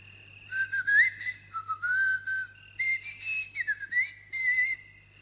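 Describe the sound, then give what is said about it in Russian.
A long, drawn-out human whistle that glides up and down in pitch over about five seconds, broken by a few brief pauses, with a faint steady hum underneath. “И спустил протяженный свист.”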